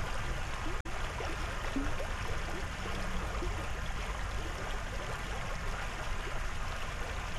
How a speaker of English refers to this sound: A babbling brook in Berea.